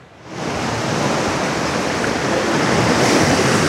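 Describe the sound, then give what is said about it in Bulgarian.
A steady roar of Black Sea surf washes over Kraimorie beach in Bulgaria at the height of the summer season, fading in quickly and then holding loud and continuous for a few seconds with no voices. “Добро утро от плаж Крайморие, където сезонът е в разгара си, морето е прекрасно”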